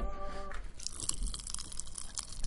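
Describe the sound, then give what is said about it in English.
Loud, close-up crunching of a sugary crisp snack poured from a bag straight into the mouth and chewed near the microphone, with rapid irregular crackles and crunches filling the whole moment. “He went from bag to hand to mouth. No. What do? You pour it right in. Open your mouth near the mic.”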